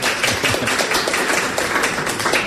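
An audience applauds a contestant who answered a trivia question: a steady, dense, even wash of many hands clapping at once with no voices over it, holding at a constant loudness throughout.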